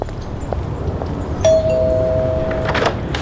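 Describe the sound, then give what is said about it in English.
A single bell rings out clearly midway, its bright tone holding steady for over a second before cutting off, over a constant low background rumble with no one talking. “Bells coming soon.”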